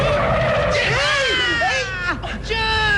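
A loud screech of tires skidding as a bus brakes hard for a child crossing the street, the squeal bending and wavering for a couple of seconds over a low engine rumble.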